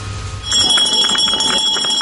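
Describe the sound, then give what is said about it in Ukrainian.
A school's last bell of the year rings at a Mariupol lyceum relocated to Kyiv, Ukraine, starting after a brief low hum: a loud, continuous, high-pitched metallic ring with rapid clapper pulses, and faint voices murmuring underneath. “Звуки останнього дзвінка сьогодні лунають без сигналу повітряної тривоги.”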